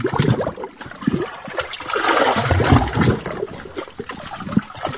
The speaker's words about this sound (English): It now costs money to sleep there, and we can hear the lapping waves better from the tent anyway.